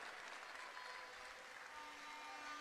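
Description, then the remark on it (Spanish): Steady audience applause welcoming the local mayor, mayor of Machalí in the O'Higgins region, and a deputy, a dense, continuous patter of many hands clapping at once, sustained at an even level with no pauses and no one speaking over it. “Más fuerte el aplauso.”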